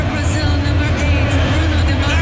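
A stadium crowd of Brazilian fans cheers and shouts as Brazil comes from behind against Japan, in a dense, continuous roar of many voices, loud and steady for the whole couple of seconds with no single voice standing out.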